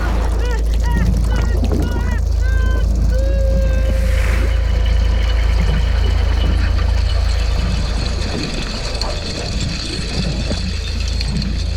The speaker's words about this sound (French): Oh non, j'entends un bruit de moteur qui s'approche de l'essaim de krill. Au secours ! Un tremblement de mer !